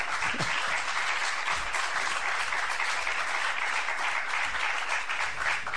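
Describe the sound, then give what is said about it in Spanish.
Steady applause from a program audience for a departing guest, a dense, crackling wash of many hands clapping at once that holds at an even, fairly loud level throughout without pausing. No one speaks over it. “Un aplauso.”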